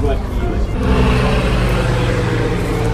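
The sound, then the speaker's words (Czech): A small electric airplane, the modern 15 Fénix, passes over the heads of people at a memorial at the Kašpar family tomb in the town cemetery, with a steady, loud whirring hum that swells slightly and holds, full of low rumble, with faint murmuring voices underneath. “Oslavy začaly pietou u Kašparovy rodinné hrobky na městském hřbitově, kdy nad hlavami lidí přeletělo malé elektrické letadlo.”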